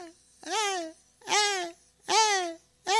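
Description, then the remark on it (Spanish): Young voices of siblings shouting nearby in short, high-pitched bursts, four loud cries in quick succession with brief pauses between, each rising and then trailing off. “al lado mis ñaños ahí están gritando, mis ñaños, mis ñañas ahí están gritando.”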